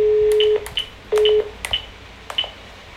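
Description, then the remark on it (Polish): Telephone line tones after dialing *606 to reach the answering machine on a FritzFon: a steady low tone, a gap, then a shorter repeat, with several quick high beeps and clicks scattered between them. Fairly loud, with no voices. “Gwiazdka 606. Może tutaj zadzwonię.”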